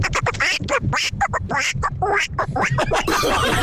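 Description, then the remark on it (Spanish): A cartoon Donald Duck voice quacks and squawks in a rapid, garbled, loud stream, running continuously for several seconds with no other talk. “Es que hoy es día del Pato Donald, ¿eh?”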